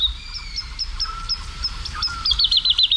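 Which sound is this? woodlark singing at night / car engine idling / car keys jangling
woodlark singing at night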